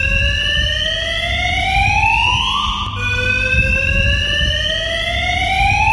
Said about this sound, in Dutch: Ja, dat zorgt natuurlijk voor heel veel lawaai, dus daar lig je dan wakker van. Dat is niet fijn. Nou, de gemeente die beheert die garage en die zegt dat het komt door hangjongeren die het brandalarm laten afgaan.